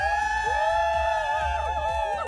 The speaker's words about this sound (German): Alle bitte einmal laut schreien auf drei, wie SWR 3, ja?